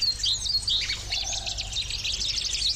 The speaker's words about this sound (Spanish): Arratsaldeon guztioi, saludos desde la Reserva de Urdaibai. Esta maravilla que escucháis es hoy la sintonía del programa. Están escuchando ahora mismo mirlos, canarios, jilgueros, pinzones, verderones.